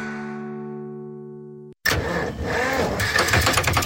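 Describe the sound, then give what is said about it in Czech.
A sustained musical tone cuts off, then a car engine cranks to life and runs loud and rough, sputtering and rattling, with no one speaking. “Joj, kaj je sad pak ovo? Auto mi zvuči kak stari traktor.”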